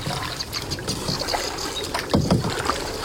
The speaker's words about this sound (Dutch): En op de momenten dat we geen gepeddel van jou horen, ben jij aan het luisteren en een vogel aan het invoeren.